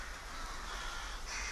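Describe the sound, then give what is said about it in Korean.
A large flock of rooks, some 100,000 birds, caws all at once as they settle to roost in Ulsan. A dense, continuous chorus of harsh overlapping calls with no pauses, steady and fairly loud over a low rumble throughout. “때까마귀는 데스패 입부분에 잠자리를 마련합니다.”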